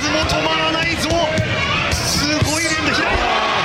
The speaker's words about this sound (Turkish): Boksör peş peşe 40 yumruk indirdi. Durdurak bilmeyen darbeler karşısında rakibi sadece gard aldı ve sırasını bekledi.